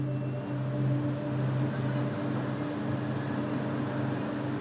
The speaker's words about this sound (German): Die ganze Nacht lang wird diese Frachtfähre beladen. Die Finn Echo 2. Fast 240 Meter lang.